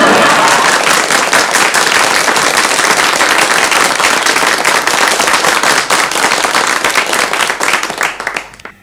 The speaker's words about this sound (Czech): Myslím, aby se diváci nenechali mýlit tím velkým potleskem, to jsou sami mi příbuzní tady, nejen v Brně, ale v Řicmanicích a v Ivančicích.